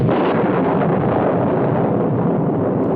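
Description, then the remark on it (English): A loud, heavy crash of thunder in a terrible storm, heard aboard a boat, that rolls on as a dense, steady roar for about three seconds without fading, deep rumble mixed with harsh hissing noise, and no voices. “What was that? Thunder. Crash.”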